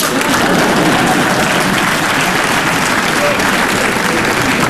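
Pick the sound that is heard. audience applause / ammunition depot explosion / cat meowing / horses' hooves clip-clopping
audience applause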